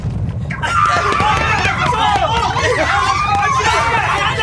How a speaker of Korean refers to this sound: 아이들이 일시에 복도로 뛰쳐나왔다. 좁은 복도는 발 디딜 틈도 없이 아이들로 꽉 찼다.